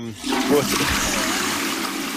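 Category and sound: sound effect, toilet flush sound effect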